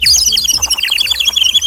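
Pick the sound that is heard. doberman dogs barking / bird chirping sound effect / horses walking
bird chirping sound effect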